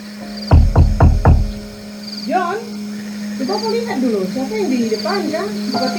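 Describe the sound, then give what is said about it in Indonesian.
Four sharp, loud knocks in quick succession rap on a door, then stop; a steady low hum runs underneath, and people begin talking right after. “Siapa yang di depan, kan? Buka pintu dulu, Kak.”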